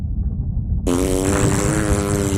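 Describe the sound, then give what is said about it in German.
A cartoonish fart sound effect: a low rumble that bursts into a loud, buzzing, tonal blast about a second in and sustains to the end, prominent with no talking. “Der Pupsonautenpups blähte den Leib der Anaconda auf und drohte sie zum Platzen zu bringen.”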